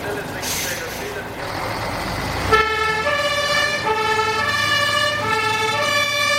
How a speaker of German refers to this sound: Ausgelaufenes Benzin brennt auf der Straße. Die Feuerwehr ist bereit zur Abfahrt.